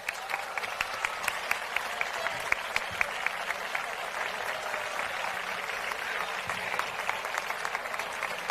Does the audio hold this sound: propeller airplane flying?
no